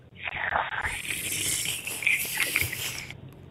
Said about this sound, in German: Ja, sowas wie das Schlürfen mit einem Strohhalm, ne, das nehmen wir sehr gerne mit rein in die Umzugskiste. Vielleicht, um morgens schon irgendwie einen Fruchtsmoothie abzuschlürfen.